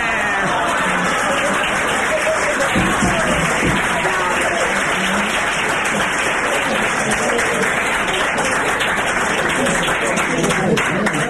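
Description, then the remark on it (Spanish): An audience bursts into steady applause, a dense, loud wash of many hands clapping that holds evenly for about eleven seconds, with a few voices mixed into the crowd noise. “Pero no me van a decir que no me merezco un aplauso.”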